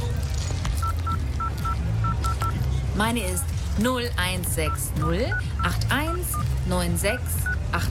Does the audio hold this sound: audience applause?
no